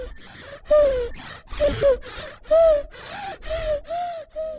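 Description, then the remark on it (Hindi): A contented baby with a full stomach makes a series of about six short, soft cooing breaths, each a brief tonal rise and fall, with small gaps between them and no talking. “ये है मेरे बच्चे की आवाज जब उसका पेट भरा हो।”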